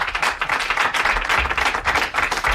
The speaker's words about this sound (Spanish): Un aplauso para Javier Coronas.